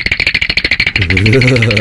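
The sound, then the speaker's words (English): A teeth-chattering sound effect played on 94.9 radio about a cold 3-degree Tuesday in Melbourne: a quick, even burst of sharp clicks, around a dozen in one second, followed by a steady, low, buzzing voiced tone that holds to the end. “I'm also aware, hang on, that actually, that's supposed to be a teeth-chattering effect.”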